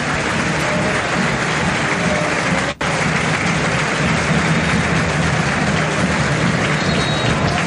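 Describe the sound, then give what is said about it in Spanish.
The crowd at La Bombonera stadium gives a loud, sustained ovation for Boca player Velasco as he is substituted off during a football match, a dense roar of cheering and applause that holds steady throughout, broken only by a momentary dropout partway through. “Escuchen a la bombonera, la primera gran ovación desde que llegó a Boca para Velasco.”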